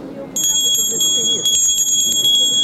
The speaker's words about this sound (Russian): Это макраме с колокольчиком таким, все связано. Панно с колокольчиком, это сторож на дверь считается.